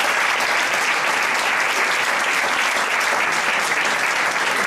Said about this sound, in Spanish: Un aplauso.